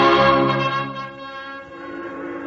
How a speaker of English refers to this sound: The bells of the Baptist, the Congregationalist, and the Roman Catholic Church were ringing.